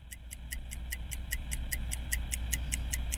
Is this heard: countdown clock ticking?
yes